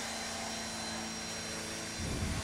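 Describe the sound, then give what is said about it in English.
A steady, fairly subdued propeller engine drone from a Bonanza aircraft fitted with a geared engine to reduce engine noise, with a low harmonic hum, continuous and even, swelling slightly louder near the end. “You notice it's much quieter than a normal Bonanza because it's got the geared engine to cut down on the engine noise so they could loiter over the bad guys and not know that they were here.”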